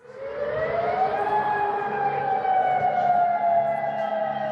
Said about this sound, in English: Sirens have sounded across the Gulf and Jordan after Iran's Revolutionary Guard launched retaliatory strikes on US military sites.